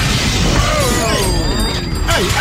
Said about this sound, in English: Everything else, it was broken glass.